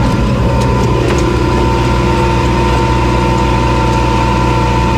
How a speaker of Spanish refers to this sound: Hoy te mando la postal sonora subidos a un tractor.